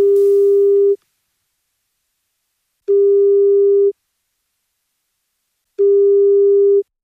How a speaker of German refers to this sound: Und jetzt klingelt irgendwo in München und der Region ein Handy.